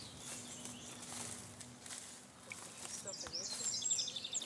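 Faint bird chirps and twittering calls drift through a quiet outdoor ambience, growing a little busier toward the end, as birds call to each other from one side of a river valley to the other in the Alentejo.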